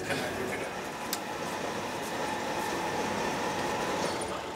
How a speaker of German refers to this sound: Mitten in der Nacht rollt der Zug auf eine Ostseefähre. 3 Stunden Überfahrt bis ins schwedische Trelleborg.